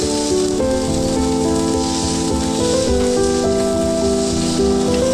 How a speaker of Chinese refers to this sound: 只需要简单用盐和黑胡椒调味，在高温下快速煎烤，形成完美的焦化外壳，内部则根据喜好保持3分熟至5分熟